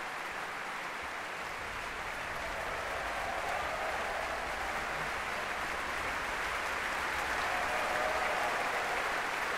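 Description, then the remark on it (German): Sustained, dense applause from a large concert audience after Alan Gilbert conducts Mahler's Sixth Symphony, cheering the orchestra's percussionists as they stand together, steady throughout with a slight swell toward the end, with faint cheering mixed into the clapping and no talking. “Dieser Jubel, der gilt gerade den Schlagzeugern, die gemeinsam aufgestanden sind, hinten im Orchester.”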